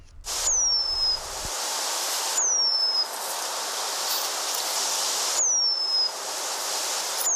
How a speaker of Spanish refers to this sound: Hace tiempo que este canto, el del pájaro moscón, se apagó en la localidad vallesoletana de Nava del Rey.